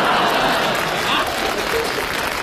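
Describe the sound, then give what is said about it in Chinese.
Audience applause after a list of Feng Gong-brand foods is announced, filling the whole stretch, a dense, steady wash of many hands clapping at an even loudness, with no voices standing out. “大家为什么鼓掌吗？”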